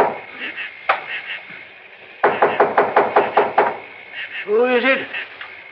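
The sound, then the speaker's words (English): A quick, evenly paced series of about eight firm knocks on the wooden door of a clapboard building, fairly loud, followed by a brief muffled voice. “And when I knocked on the door...”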